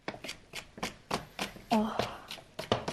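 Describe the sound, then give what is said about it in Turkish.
A knife chops a capia pepper on a cutting board in a quick, steady rhythm of about ten crisp strikes, with a voice briefly murmuring partway through. “Hemen doğradım.”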